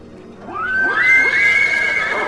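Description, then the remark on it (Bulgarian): A horse neighs loudly, a long whinny that rises sharply and then wavers in a shaky, trembling pitch before trailing off, with no voices present. “Тия странни коне.”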